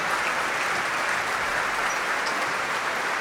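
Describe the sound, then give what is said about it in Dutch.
A large audience in the sold-out main hall of the Concertgebouw applauds steadily as conductor Duncan Ward comes down the stairs onto the stage, a dense, continuous wash of clapping with no voices over it. “En daar is het applaus voor Duncan Ward.”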